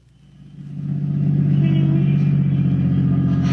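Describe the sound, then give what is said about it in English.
A car engine starts up and settles into a steady, loud idle, its low rumble building over the first second and then holding constant, with no voices. “Now turn off the motor.”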